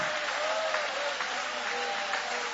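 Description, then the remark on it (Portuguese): An audience applauds the name of Jesus together: dense, steady clapping that fills the whole clip at an even level, with a faint murmur of voices mixed underneath. “Pode tomar o vosso assento, guarde a Bíblia com carinho e podem aplaudir o nome de Jesus.”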